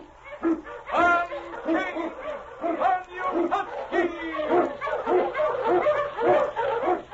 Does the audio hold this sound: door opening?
no